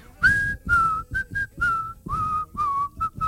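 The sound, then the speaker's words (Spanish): Someone whistles a short melodic film tune, a series of clear sustained and gliding notes in several phrases, breathy and fairly loud, with no talking. “Kill Bill, cuando aparecía ese silbido, después te venía la muerte.”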